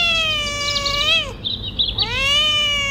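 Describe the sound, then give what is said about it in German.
A cat lets out two drawn-out, wavering meows, the first sliding down in pitch and the second rising back up after a brief pause, with no talking. “Katzen zum Beispiel.”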